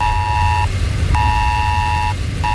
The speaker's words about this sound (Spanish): Sí, alerta por tormentas severas e inundaciones en la zona de Nueva York, en Nueva Jersey, con un mensaje que nos ha llegado a todos los móviles similar al del Esaler de España que tenemos en nuestro país y que ha sonado así.